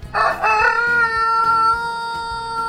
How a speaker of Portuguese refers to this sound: Esse é o galo do Assírio Severo. Deve ter trazido lá do Rio Grande do Sul, né? É genética de galo que canta espichado.